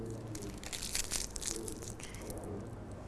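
Continuous crinkling and crunching of paper being squeezed and balled up by hand into small balls, to be stuck onto the leaf of an orange in a children's craft, with irregular rustling bursts for about three seconds and no voices.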